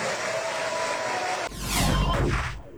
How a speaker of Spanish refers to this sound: La onda es que todos aplaudieron.